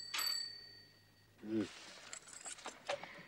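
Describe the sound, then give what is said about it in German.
A single bright, high bell rings out clear, its tone lingering and fading for about a second before people begin talking. “Aber Kind, ich muss doch, wenn klingelt.”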